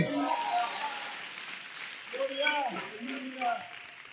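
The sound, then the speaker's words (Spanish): Sustained church audience applause for the King of Kings, a dense steady patter of many clapping hands for several seconds, with voices calling and cheering over it. “Se volvió un aplauso al Rey de Reyes y a su nombre.”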